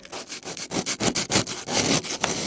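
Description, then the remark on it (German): A hand saw rasps steadily through a block of ice on a frozen lake, quick rhythmic back-and-forth strokes about five per second, fairly loud, with no voices. “Und zwar so: Schneeschippen, Rillen ins Eis schneiden und heute geht's ans Sägen.”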